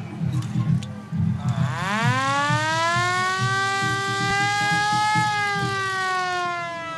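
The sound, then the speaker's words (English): A war air-raid siren, played within a song performance set in 1942, winds up from a low growl into a loud, sustained wail that rises slowly in pitch, rich in harmonics, holding steady over a low rumbling background. “Just a little warning to people who might be triggered by a bit of war siren sound.”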